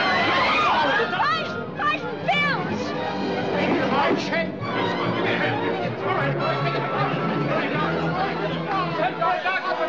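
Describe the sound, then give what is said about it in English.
A dense crowd of many overlapping voices chatters and murmurs loudly and continuously in a courtroom, an excited hubbub of talk without pause. “I can't control this crowd all by myself.”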